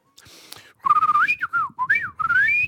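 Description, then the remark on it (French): A person whistles a bird-like melody as a hidden talent, a series of clear, sliding warbling notes with quick upward sweeps and short pauses between phrases. “Je peux siffler comme un oiseau.”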